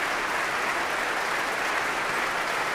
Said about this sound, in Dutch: Hij klapt voor zijn orkest.